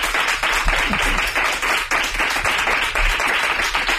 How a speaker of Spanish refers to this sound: Un aplauso para María Teresa Andreu.